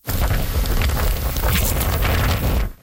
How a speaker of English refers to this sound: Torrential rains are pummeling areas including Hong Kong. Officials have issued their highest alert level for flash flooding.